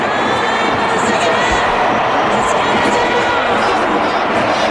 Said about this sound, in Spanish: Se escuchaba también hace un momento cómo los gritos eran para Hendrik.